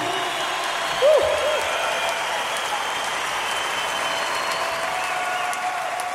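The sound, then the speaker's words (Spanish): A large crowd applauds steadily in praise of the Lord, a dense, continuous wash of clapping that stays loud throughout, with a brief voice or whistle rising over it near the start. “Fuerte ese aplauso al Señor, somos su pueblo escogido.”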